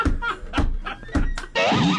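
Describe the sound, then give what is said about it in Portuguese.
A door is shut and locked: a few sharp thuds and latch clicks in quick succession, followed by a voice making a drawn-out vocal sound. “Preciso trancar essa porta.”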